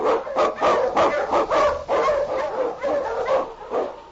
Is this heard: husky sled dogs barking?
yes